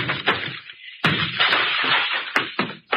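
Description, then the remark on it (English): A door being broken down: a series of heavy, booming blows and splintering crashes at an uneven pace, loud and rough, with no voices. “breaking down the door.”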